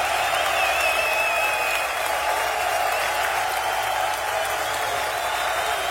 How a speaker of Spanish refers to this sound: Los hijos de Shaddai aplauden.